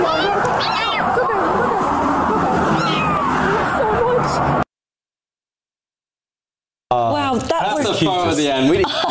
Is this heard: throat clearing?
no